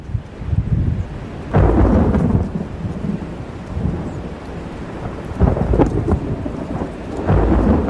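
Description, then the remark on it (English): Rolling thunder rumbles low and heavy over steady rainfall, with several deep swells building and fading, as a thunderstorm breaks on the horizon over the countryside on a summer afternoon in 1885, watched by Carl Boberg from an abandoned farmhouse. No voices are present. “While he was still a few miles from home, a thunderstorm broke on the horizon.”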